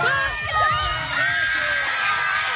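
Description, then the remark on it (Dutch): Mothers on the sideline at a primary school children's world championship on Curaçao cheer and whoop in an excited burst, high voices overlapping and rising in pitch, a steady loud roar of joyful shouting throughout. “Een explosie van vreugde bij de moeders langs de zijlijn.”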